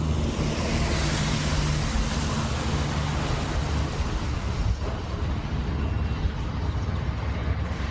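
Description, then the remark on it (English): Steady surf and lapping water at fishing docks, within walking distance of Brewer's lab, fill the scene with dense, continuous wash, joined by gusty wind rumble and a low engine-like hum in the first half. No one speaks. “Just walking distance from Brewer's lab, out on the docks, the fishing industry is in full force.”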